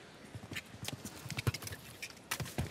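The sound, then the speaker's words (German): Horse hooves thud in a quick, uneven clip-clop rhythm, moderately loud, with sharper impacts now and then as the horse approaches a water jump. No one speaks. “Ah, die Unsicherheit schon auf den letzten Metern zum Anritt des Wassergrabes hin spürbar.”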